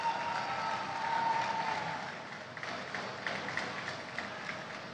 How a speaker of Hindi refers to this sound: जोरदार तालियों के साथ हम उनका स्वागत और अभिवादन करेंगे।